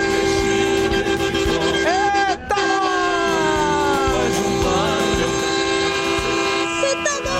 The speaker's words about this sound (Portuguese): E a galera buzinando com tudo aqui na Band!